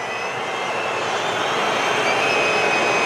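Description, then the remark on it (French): Croatian football supporters in a stadium whistle in protest at a decision by referee Espen Eskås, a dense, shrill, unbroken wall of sound that holds loud and steady throughout, with no voices speaking over it. “Les supporters croates sifflent forcément cette décision lourde de conséquences d'Espen Eskas, l'arbitre du match.”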